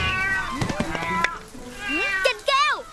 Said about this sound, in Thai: ได้ไงเจ้าแมวนิสัยไม่ดี